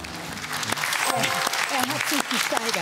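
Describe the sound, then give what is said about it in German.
A crowd claps in sustained, dense applause, loud and steady throughout, with voices calling and talking over it. “Applaus.”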